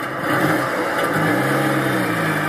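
A petrol car engine revs steadily, its pitch rising and sliding through a continuous, fairly loud growl that fills the whole moment with no voices present.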